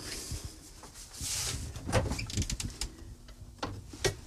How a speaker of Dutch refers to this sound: Zo, ik leg dat nu weer in mijn koelkast.